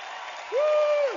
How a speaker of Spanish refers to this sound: aplaude fuerte al Señor.